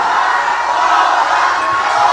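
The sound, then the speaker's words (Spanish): A crowd shouts and cheers continuously, a dense, loud wash of many voices holding steady for a couple of seconds with no clear individual words. “Pero griten más fuerte.”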